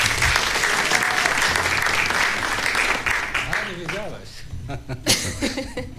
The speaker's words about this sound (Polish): Wielkie brawa dla niej.